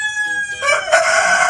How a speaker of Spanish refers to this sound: Sí, hombre, estos son gallos. Sí, no son personas, son gallos. Pero están concursando en algo. Están concursando. En la localidad belga de Berlo, decenas de criadores se reúnen cada domingo para participar en Le Coq Hisbignon,